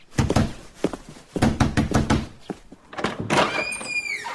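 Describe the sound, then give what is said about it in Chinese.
Loud, heavy knocking on a door comes in rapid bursts of thuds, pausing briefly between rounds, followed by a higher-pitched squeak or creak near the end. “谁呀？这么没礼貌！ 哎，快去开门。”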